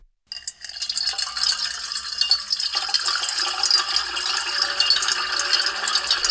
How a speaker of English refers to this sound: And now a little ASMR, water being poured into a metal bowl. Soothing. So it will probably be 7 times as soothing if we layer 7 tracks of water being poured into a metal bowl.